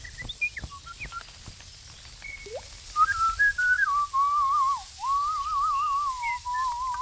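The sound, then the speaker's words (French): A thrush sings clear, whistled phrases, starting with a few short chirps and then a long, wavering, warbled melody that grows louder and carries on steadily, with no one talking. “Ah, ou alors c'est notre Grive qui monte.”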